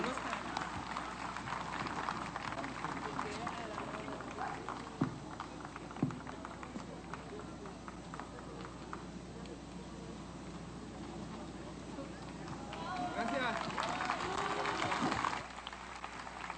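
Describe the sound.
Steady audience applause from a crowd for the National Guard Wind Symphony Orchestra at the Amado Nervo Cultural Festival in Nayarit, Mexico, a dense patter of clapping with murmuring voices mixed in, swelling louder near the end before cutting off.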